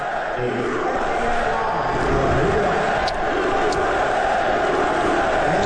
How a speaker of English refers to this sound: Start with cut number three from last night, and this was when they showed President Trump on the Jumbotron, the crowd chanting USA. Here it is.